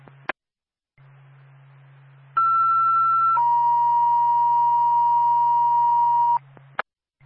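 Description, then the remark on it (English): Radio dispatch paging tones from Twin State dispatch alerting Bethlehem Ambulance to a female CPR in progress: a steady high tone for about a second, then a longer, lower tone lasting several seconds, framed by squelch clicks over a low radio hum. “Twin State 2, Bethlehem Ambulance, standby for tow.”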